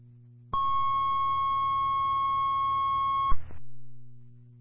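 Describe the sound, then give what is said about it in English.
A single steady electronic tone at a fairly high pitch holds for about three seconds over a low radio hum, then cuts off with a brief burst of squelch static. It is a fire department pager activation tone from the Colbert Fire and Colbert First Responders weekly radio and tone test. “Colbert Fire, Colbert First Responders, Weekly Radio and Tone Test.”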